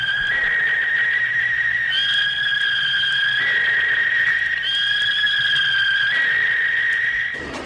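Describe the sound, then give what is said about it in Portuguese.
A referee's whistle blows one long, shrill, sustained blast, loud, holding steady for several seconds with slight shifts in pitch before it cuts off, starting a Brazilian Série B football match involving Avaí. No one speaks. “Apita o árbitro, começa o jogo.”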